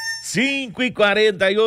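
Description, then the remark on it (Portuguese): A bantam rooster crows once, a loud, strained call broken into several rising-and-falling segments. It opens with a brief high tone and lasts under two seconds. “Cadê o galo? Cutuca! Cutuca, o garnizé que tá na hora!”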